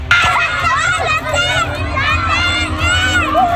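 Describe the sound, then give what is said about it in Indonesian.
A crowd of residents shouting and yelling for help in alarm during a large fire at an orphanage building in Wargu Wetan, Kudus, Central Java, many overlapping voices loud with frantic, strained calls over a constant rumble of commotion. “Kebakaran menimbulkan kepanikan warga yang berteriak minta tolong.”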